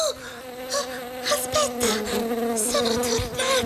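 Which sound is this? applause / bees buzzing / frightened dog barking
bees buzzing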